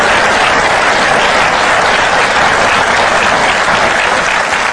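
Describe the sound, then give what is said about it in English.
A church audience breaks into loud, sustained applause in praise of God, dense overlapping claps holding steady for several seconds with no pauses or voices over them. “That was like a golf clap. Can we give God better praise than that?”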